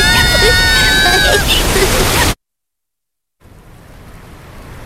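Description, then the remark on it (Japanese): Heavy rain pours down in a dense, steady hiss with faint tones threaded through it, then cuts off abruptly to silence before a softer, more distant downpour returns. “雨、これからどんどん強くなってくみたいです。”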